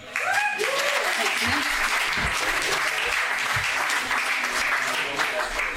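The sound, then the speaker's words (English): An audience applauds steadily for about six seconds to welcome a singer, a dense, even wash of many hands clapping, with a brief vocal cheer audible near the start. “And I hope you'll give her a big round of applause, please.”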